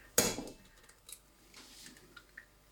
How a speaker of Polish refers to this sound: Rozbijam sobie takim jednym ruchem jakby o kant garnka jajko na pół i przerzucając żółtko z jednej połówki do drugiej bez trudu oddzielam białko, po czym żółtko trafia do drugiego garnka.